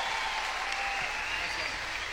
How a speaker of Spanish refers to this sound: Applauso fuerte para Sol Gattuso. Maravillosa.